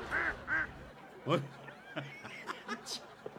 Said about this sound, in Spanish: no puedo imitar a la gente, pero puedo hacer el sonido de un pato otra vez si quieres.